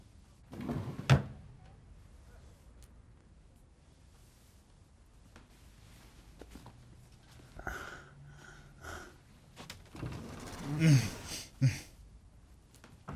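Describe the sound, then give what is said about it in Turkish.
Drawers in a motel room slide open and shut with a sharp knock near the start as they are searched, then scattered clunks and rummaging rattles follow in bursts, moderately loud, with quiet stretches between. “Çekmecelerde bir şey yok ama yine de bir bak.”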